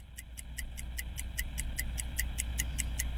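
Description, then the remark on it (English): A game timer ticks steadily and quickly, about four crisp ticks per second in an even rhythm, clear over a low background hum, with no one talking, timing a player's turn in a word game until the clock runs out. “The clock just ran out.”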